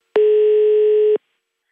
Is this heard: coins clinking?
no